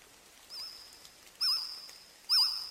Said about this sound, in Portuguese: isto é um passarico? É um inseto. Ah, bom. É um inseto. Olha, comecei logo mal. É um inseto, como assim? É um inseto que já não existe.